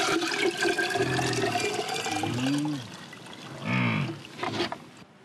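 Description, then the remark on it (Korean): Fresh yak milk from that day's milking pours steadily into a can at a summer pasture with a rushing, splashing sound, then tapers off, while a couple of short animal lows sound. “그날 짠 젖은 한 통에 모아둡니다.”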